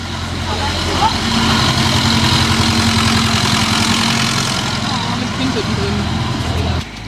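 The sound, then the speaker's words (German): Outdoor village ambience dominated by a steady, low rumbling engine idling throughout, with faint scattered background sounds and muffled voices underneath; the rumble cuts off abruptly near the end. “So, ein bisschen dörfliche Atmo.”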